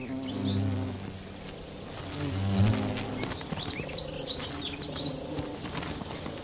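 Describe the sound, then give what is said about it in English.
A female beewolf wasp buzzes in flight as she returns with a bee she has paralyzed with a venomous sting. Her drone swells louder twice as she passes, over a steady background of chirping insects and faint birdsong. “The bee wolf returns with a kill.”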